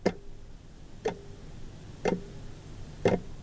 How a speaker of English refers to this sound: The early morning routine is slick, but endlessly tiring, and always the clock ticks on. 8, 8:15, 8:30, 8:45.